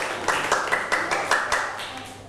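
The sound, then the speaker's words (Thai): A group of people in a classroom clapping together in a steady burst of applause for student group 2, sharp repeated hand claps in an uneven rhythm for a couple of seconds, with no voices. “ปรบมือให้กลุ่มที่2อีกครั้งหนึ่งครับเก่งมากๆนะครับ”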